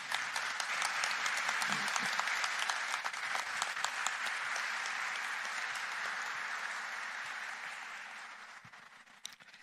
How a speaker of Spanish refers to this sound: Un aplauso para ellos.